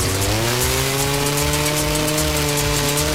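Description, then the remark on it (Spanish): A chainsaw engine runs steadily at high revs, its loud buzzing drone rising slightly in pitch, continuous with no voices over it. “Desbrozadoras, motosierras, fumigadoras, motocultores, motobombas y generadores listos para el trabajo duro.”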